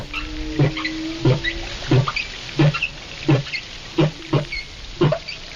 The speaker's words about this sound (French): Et on commence avec la baleine.